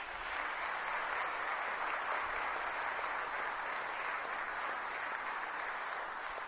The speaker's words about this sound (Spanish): Un fuerte aplauso.